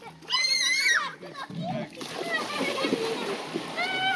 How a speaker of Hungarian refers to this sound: Csobog a Duna